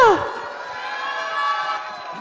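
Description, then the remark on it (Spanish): A crowd at a Hocus Pocus 10th-anniversary event cheers and applauds after a song performance, a dense, steady wash of noise with high shouting voices rising above it. Loud and sustained across the whole moment. “¡Un aplauso!”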